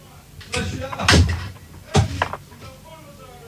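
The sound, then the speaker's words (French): A door is pushed shut with a couple of solid thuds about a second apart, with faint voices and background noise. “Oula, faut fermer la porte, là.”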